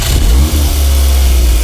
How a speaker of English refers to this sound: God. Man, you're revving that engine, aren't you? Get him a nicer car.